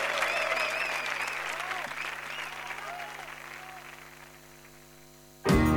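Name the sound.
audience applause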